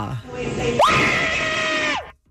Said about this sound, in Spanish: Ok, y nos vamos con el último grito participante, que es el número 6. A ver, el público tiene que tomar una decisión. ¿Cuál grito les gusta más?